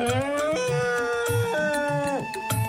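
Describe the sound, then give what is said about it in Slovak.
An old elephant in a narrated story raises its trunk and trumpets across the parched land in a long, brassy, sustained blare that steps between a few pitches, set over a steady, soft low thumping beat. “A tak zodvihol svoj mohutný chobot a zatrúbil na celú krajinu.”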